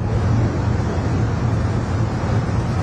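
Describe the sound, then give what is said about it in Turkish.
A continuous, heavy low rumble of construction machinery, trucks and excavation dump trucks running steadily during debris removal at the site of a collapsed apartment building, with broad roaring noise and no talking. “İş makineleri, kamyonlar, hafriyat kamyonları sürekli devrede.”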